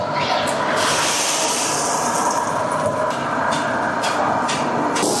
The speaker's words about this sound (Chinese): 将之前准备好的粉丝下入油锅内进行炸制。